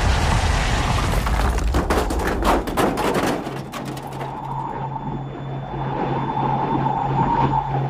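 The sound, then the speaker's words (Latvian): A loud, rough crash of scraping, banging impacts for several seconds, settling into a steady mechanical drone with a low hum, as an airplane caught in a downdraft during a storm crash-lands on flat ground by the lake Laguna del Diamante and ends up upside down. No one speaks. “Brīnumainā kārtā Anrī izdodas piezemēties.”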